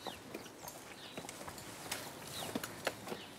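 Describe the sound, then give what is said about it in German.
Hooves of a cow clop unevenly on a steep flight of hard stairs as it climbs them, a scattered series of sharp knocks, with faint bird chirps in the background and no talking. “Normalerweise würde keine Kuh freiwillig eine steile Treppe hochlaufen.”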